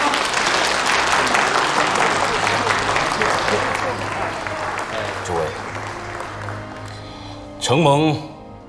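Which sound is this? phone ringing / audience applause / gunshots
audience applause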